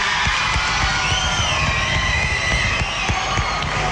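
A crowd cheers and applauds steadily, with dense clapping, whoops and shouts blending into a loud, continuous roar that fills the whole stretch without pause.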